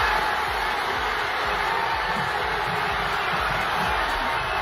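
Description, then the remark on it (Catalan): A large crowd roars and shouts continuously, celebrating a football win at Parc Catalunya in Sabadell, Catalonia, where giant screens showed the match; a dense wall of cheering voices at steady loudness with bursts of whoops rising through the din. “Aquests són els crits, per exemple, a Sabadell, al Parc Catalunya, on hi havia pantalles gegants per seguir, una pantalla gegant per seguir el partit.”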